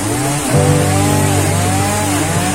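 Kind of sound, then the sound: tool, chainsaw cutting down trees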